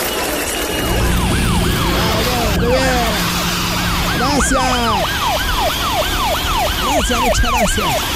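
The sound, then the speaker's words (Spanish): Several Peruvian National Police car sirens wail together outdoors, their rising and falling tones overlapping in a loud, continuous chorus with a low engine rumble underneath. “Aquí están poniendo la tranquilidad necesaria a nuestros amigos de la Policía Nacional del Perú, que nos dé la señal con el sonido de la sirena, por favor, al fondo.”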